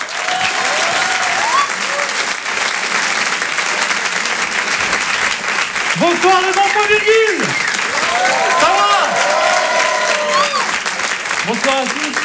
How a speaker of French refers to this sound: Je vous demande de l'applaudir très fort pour cet Open du Rire.